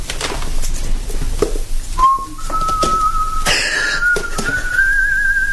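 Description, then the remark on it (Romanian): A person whistles a sustained tune that rises in steps, starting a couple of seconds in and carrying on steadily over a busy, noisy background. “De ce fluieri?”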